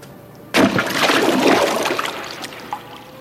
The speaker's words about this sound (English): When Bidhi Chand lifted the reins, he leaped over the high battlement of the fort and plunged into the river with a great splash.